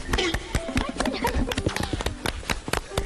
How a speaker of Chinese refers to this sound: 我和大姐脚下的这片梯田看似平平无奇，但是底下暗藏玄机。咱俩一起拍拍手啊，一二三。